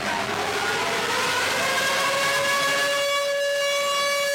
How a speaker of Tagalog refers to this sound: Pagpatak ng alas 9 ng umaga kanina, tumunog na ang sirena, hudyat ng pagsisimula ng nationwide simultaneous earthquake drill ngayong araw.